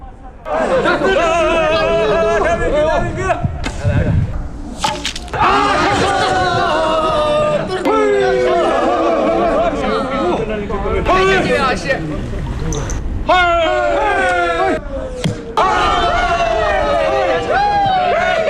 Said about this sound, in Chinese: 射程啊还是比较远的，我看不太清楚他们这个成绩，但是通过他们欢呼的这个状态应该感受到应该是刚才这一队获胜了。